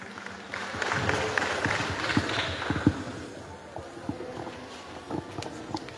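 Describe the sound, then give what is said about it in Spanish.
A crowd applauds loudly to welcome Leonilda Zurita, who is to give the historical review at the event. Many hands clap in a dense, steady patter that holds for about six seconds, with a few sharper claps standing out and no one speaking. “Recibimos con fuertes aplausos a la hermana Leonilda Zurita para que nos imparta la reseña histórica en esta jornada.”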